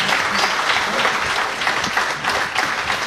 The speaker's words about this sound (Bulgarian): а ние ще отдадем почет към двамата незабравими творци с най-вълнуващото за тях. Аплодисментите за тяхното творчество.